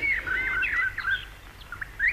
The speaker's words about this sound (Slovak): Počuješ, Ondrej? Vtáčiky sa poprebúdzali. Vyspevujú. Zabudili ich slnečný lúč. Driemali na hruške, pod ktorú sme nocovali.